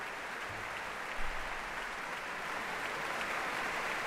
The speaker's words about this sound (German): Großen Beifall gibt's hier in der Elbphilharmonie.